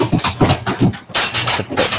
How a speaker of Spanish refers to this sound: ¿tú tienes un perro o qué?